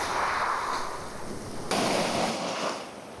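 Waves wash steadily over a pebble (mongdol) beach, a continuous hiss of water and stones with a fresh surge rolling in partway through, then slowly easing back. No voices.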